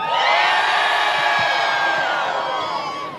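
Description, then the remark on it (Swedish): A large crowd waiting outside at a school graduation cheers and whoops loudly and continuously back at the graduating students, many voices overlapping in a dense, sustained roar with high-pitched shouts on top, fading only slightly at the end. “Och alla som stod där ute och väntade, trots att de hade lite paraplyer nu, svarade upp och jublade minst lika högt tillbaka, och då lät det så här.”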